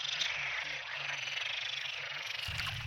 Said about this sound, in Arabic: هلق هو أغلبه مشهد غير مألوف، أصوات نقيق تتصاعد من محمية صغيرة في سهل الغاب.